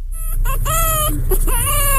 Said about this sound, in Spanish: Pinche gallo eso.